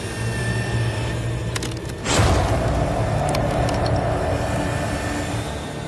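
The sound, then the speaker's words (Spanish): A heavy machine hums steadily, with a few small creaks, as mechanical jaws built to match a megalodon's bite force clamp down on a cow bone until one sudden sharp crack splits it in two, then the louder motor drone carries on. “Primero, Dan prueba la herramienta con un hueso de vaca”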